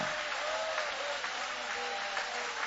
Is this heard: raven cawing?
no